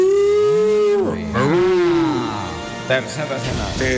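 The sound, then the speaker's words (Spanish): A cow on a cliff lets out two long, drawn-out moos, loud, the pitch sliding down and then swelling again, followed by a few softer rough sounds. “La misma vaca en el acantilado todavía anda.”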